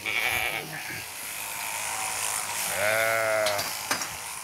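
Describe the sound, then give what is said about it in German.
A sheep, held on its rump while being sheared, lets out one wavering bleat over the steady buzz of electric shears, with a few brief clicks and knocks. “Aber kein Schaf findet das besonders lustig, so auf den Hintern zu hupfen.”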